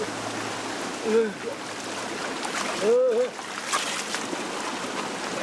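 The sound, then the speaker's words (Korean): A cold mountain valley stream on Jirisan rushes in a steady, full hiss of flowing water throughout, broken twice by short vocal exclamations from a person. “이 지리산 계곡물이 이렇게 시원해요.”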